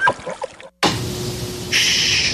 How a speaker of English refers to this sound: Do you hear that? Hear what? Don't you hear that soft, comforting whir of the AC? Yeah. It's the beautiful pink noise of home sweet home.